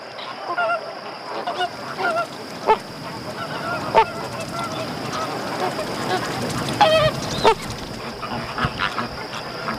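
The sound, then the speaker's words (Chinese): Parent Caribbean flamingos, seemingly calling to their own eggs, call in a dense, overlapping chorus of nasal, goose-like honks, with sharper, louder honks breaking through every second or two over a steady background of calling. “因此，我们也无法确定加勒比海红鹳亲鸟做出这个举动的意图。”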